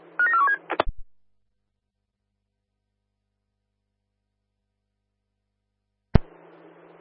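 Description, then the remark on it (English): A short burst of electronic phone tones and clicks at the start, then about five seconds of dead silence before a sharp click and a faint, hissy open line. “I'm currently on a phone call.”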